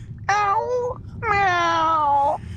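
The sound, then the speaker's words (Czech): A person imitates a cat's meow twice: a short whining call, then a longer drawn-out one with a sliding pitch. The voice is fairly loud over faint background hum. “No a taky kočku.”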